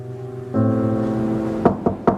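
Three quick, firm knocks on a door, evenly spaced near the end, heard over a steady low droning tone that swells partway through. No voices.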